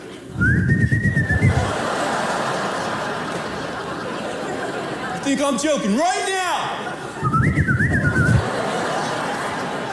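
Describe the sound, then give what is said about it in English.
A feeble, wavering attempt at a summoning whistle to call kids in sounds twice, short and thin, with a person talking and laughing in between. “Oh, terrible whistle.”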